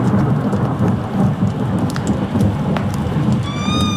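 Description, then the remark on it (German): A steady low rumble of thunder from an approaching thunderstorm rolls beneath a dense wash of falling rain, its first raindrops, with scattered sharper drops tapping; loud, continuous, and no voices. “Mit den ersten Regentropfen eines nahenden Gewitters hörte ich die Schritte meines Schützlings in der Halle.”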